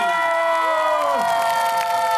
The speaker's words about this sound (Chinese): 让我们掌声有请王耀庆。